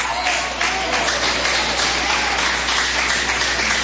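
A church audience claps hands together to give glory to Jesus during a service, a steady, dense wash of applause, loud and continuous throughout, with a faint low hum beneath and no clear talking.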